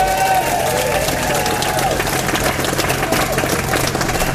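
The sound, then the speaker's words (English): A crowd applauds and cheers steadily for the co-stars, the band a band, at a blues show. A dense wash of clapping with a few voices calling out over it holds at an even, loud level throughout. “Applause for our co-stars.”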